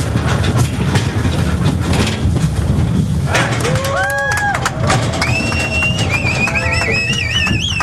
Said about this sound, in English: A small crowd gathered to watch the moment yesterday when cowboys herded the first group of cattle from Mexico across the border and into corrals on the U.S. side. And here's what that sounded like.